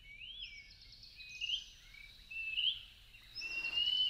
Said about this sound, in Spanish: Es el papamosca José María, también conocido como Pibí tengo frío, nombre científico Contopus pertinax. Su canto es tan característico y pertinaz que muchas personas creen escuchar con toda claridad un insistente José María, José María, José María